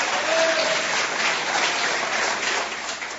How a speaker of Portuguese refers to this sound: Bate as palmas bem forte pro Senhor Jesus.